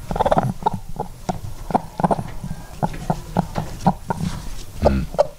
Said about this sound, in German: Jetzt Henne Nummer 3.